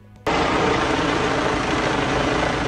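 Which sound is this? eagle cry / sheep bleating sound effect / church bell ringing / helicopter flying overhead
helicopter flying overhead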